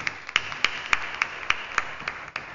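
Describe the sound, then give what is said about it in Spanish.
Applause for a birthday girl at a service in the San Francisco de Asís parish, in a steady, even rhythm: about nine or ten sharp, bright claps in quick succession at a moderate volume, with no voices over them. “Un aplauso para nuestra cumpleañera.”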